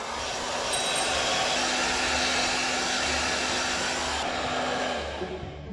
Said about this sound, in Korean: 자, 여러분, 일단 드라이기 소리가 되게 시끄럽죠. 근데 저는 지금 하나도 안 들려요.